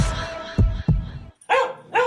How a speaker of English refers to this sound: You heard the pup.